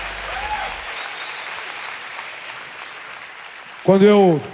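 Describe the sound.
A crowd claps steadily in a dense, even wash of applause for several seconds, then a voice starts speaking loudly over the fading clapping near the end.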